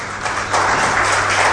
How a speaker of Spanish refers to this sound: Dele un fuerte aplauso al Rey de Reyes y Señor de Señores.